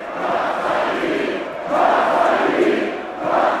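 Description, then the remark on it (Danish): A large crowd of AGF football fans in Aarhus, Denmark, celebrating the club's Danish championship, chants and sings in unison, a dense roar of many voices that swells louder in rhythmic surges, with sustained sung notes rising above the din. “Ja, kom så, de vige blev råbt, sunget og grædt i går, da byens danske fodboldmestre blev fejret.”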